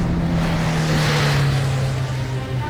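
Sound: car driving away quickly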